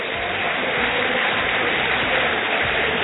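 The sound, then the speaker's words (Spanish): A football crowd of Boca fans at La Bombonera stadium, on a cool night, applauds Central Córdoba as the teams leave the field, in a dense, steady wash of clapping that holds at an even loudness throughout, with no distinct individual claps or voices standing out. “Los aplausos a la Bombonera para el Ceneice.”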